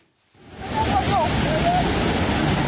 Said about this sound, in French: Un matin brumeux, un bateau glisse doucement sur les eaux calmes du lac Bunyoni dans l'ouest de l'Ouganda.